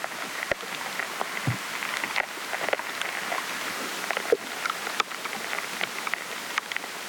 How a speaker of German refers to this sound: Das ist also das Abreißen der Wassersäule, wenn die Bäume sich nicht mehr versorgen können